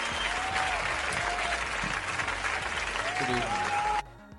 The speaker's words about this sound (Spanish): Yo creo que todos los que están aquí, un aplauso bien fuerte.